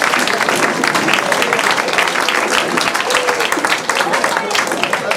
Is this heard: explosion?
no